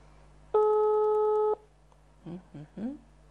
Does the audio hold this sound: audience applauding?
no